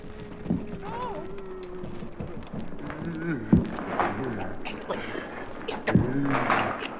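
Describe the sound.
Several heavy, irregular thumps, as if someone is pounding on a stuck door with a peculiar catch, land a second or two apart, loud, with murmuring voices and a muffled rumble in the background.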